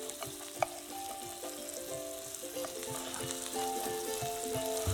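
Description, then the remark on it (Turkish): Steady sizzling of bread slices, turned to fry on both sides, frying in butter in a pan, a continuous crackling hiss with faint scraping and light clinks, no voices. “Hem ekmekler kızarıyor hem de tereyağlı bir şekilde olmaya devam ediyorlar.”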